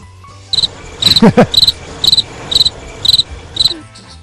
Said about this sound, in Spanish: Está bien traído lo de los grillos.